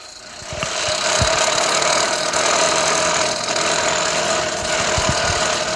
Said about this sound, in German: Das klingt ja wie ein Rasenmähermotor, der kaputt ist.